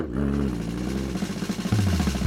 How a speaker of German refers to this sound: Lächelnd ließ sie den Rasenmäher an und der Motor begann kraftvoll zu surren.